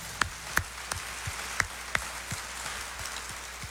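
Quiet, sparse applause from people at a sanctuary, clapping for Our Lady (Nossa Senhora) at the end of a consecration broadcast on Rádio Aparecida: a steady run of about ten sharp hand claps, spaced roughly evenly, with no voices over them.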